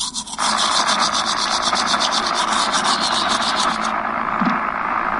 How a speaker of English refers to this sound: Mom, something's wrong with my favorite show. It's just like static. Your favorite show? Yeah, NPR, National Public Radio.